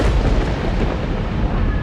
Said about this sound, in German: als ein Blitz den Abendhimmel krachend zerreißt.